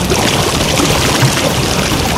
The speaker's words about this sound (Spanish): Así sonaba el caudal del río Las Ceibas hace 50 años.